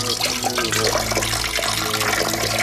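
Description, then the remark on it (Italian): Fresh water pours steadily into a glass for drinking, a continuous splashing stream, loud and unbroken for the whole moment with no voices. “Bevete un bel bicchiere di acqua fresca.”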